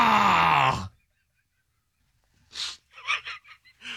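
An elephant's mating call: a loud, brassy trumpeting blare lasting under a second, then a pause, then a string of short, breathy huffs and snorts.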